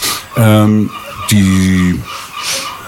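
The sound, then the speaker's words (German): Two loud, drawn-out seagull calls ring out, each lasting about half a second with a brief pause between them, followed by fainter background noise. “Möwen, ja, wir haben Möwen hier.”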